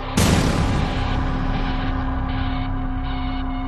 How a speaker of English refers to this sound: After that female scream, I heard 2 gunshots. And then there was a 6-second pause, and I heard a 3rd and final gunshot.